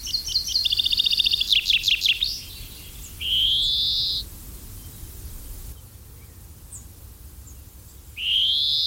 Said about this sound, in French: c'est le pinson des arbres, qui était autrefois, il n'y a pas si longtemps encore, considéré comme l'oiseau le plus commun en Europe et en France. Et bien maintenant on en voit beaucoup moins.